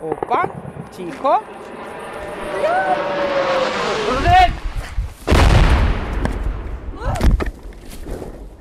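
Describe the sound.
The hissing engine of a Russian drone whines and grows louder over a few seconds, passing a few hundred meters from a reporting team, then a heavy, booming impact bursts out as it strikes a nearby railway line. Voices shout briefly before and after.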